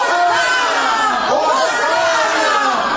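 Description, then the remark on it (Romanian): A dense crowd moving toward the temple chattering, many overlapping voices blending into a steady, loud murmur with no single speaker standing out, continuous throughout. “Tată, haideți să mergem și noi împreună cu mulțimea asta, care văd că se îndreaptă spre templu!”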